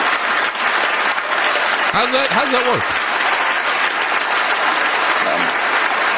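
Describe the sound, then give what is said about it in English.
Steady, loud applause from a large audience fills the whole stretch, a dense wash of clapping with a single voice briefly speaking over it near the middle. “Stop clapping. I want to hear the man.”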